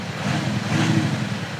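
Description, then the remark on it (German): A car engine runs with its loudspeaker sound generator switched off, a steady, low droning rumble, fairly loud, holding an even level without revving. No one speaks over it. “So klingt der Wagen ohne Soundgenerator.”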